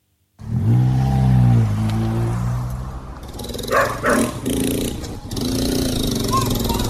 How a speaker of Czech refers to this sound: Na první pohled je tohle úplně běžná favela, hodně odpadků, hodně psů, kteří vítají ve Třelce nečekané návštěvníky, spousta neomítnutých cihlových budov, nalepené jsou jedna na druhou jako vlaštovčí hnízda